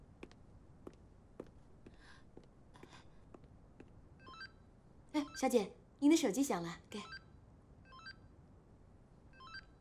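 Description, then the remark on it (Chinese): A woman's mobile phone rings during a wedding dress viewing, with a loud, bright electronic ringtone in two bursts. Faint ticking comes before it, and a few soft high beeps follow. “小姐，您的手机响了，给。”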